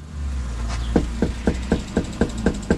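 About eight firm knocks on a front door in a quick, steady rhythm while door knocking in Yakima, in Washington state's 14th Legislative District, under a beating sun, over a low, continuous background hum like an idling engine.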